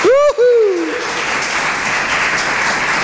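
An audience claps steadily and densely for several seconds, the dense patter holding even throughout, while a loud sliding vocal whoop rings out over the applause in the opening moment.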